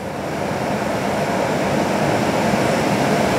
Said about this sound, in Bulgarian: Ето така изглеждат най-новите мотриси на столичното метро. Ние се намираме в една от общо 8-те. 7 вече са у нас. 8-та се очаква да пристигне през юни